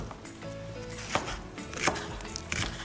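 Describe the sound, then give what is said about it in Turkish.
A knife chops an onion on a board in a few sharp, uneven strikes, moderately loud, with faint kitchen hum underneath and no talking. “Sen soğanı doğramaya devam et.”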